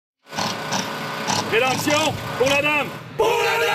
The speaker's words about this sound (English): Some people cheer as repairs are carried out on the village that hosts popular Renaissance fairs throughout the year.